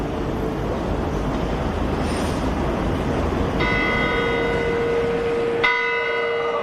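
The bells of the Zytglogge, the famous city clock tower of Bern, begin ringing out over steady outdoor noise, their bright, layered overtones swelling in and then struck again, each chime ringing out and slowly fading. No one speaks.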